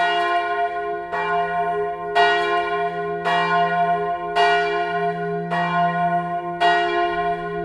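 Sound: church bells ringing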